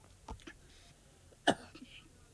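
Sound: coughing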